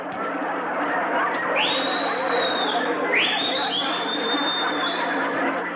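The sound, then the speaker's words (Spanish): Two shrill whistles aimed at the umpire, each swooping upward and then holding a long high note, cut through a steady background of crowd chatter and murmur. “¿A quién le chiflaste?”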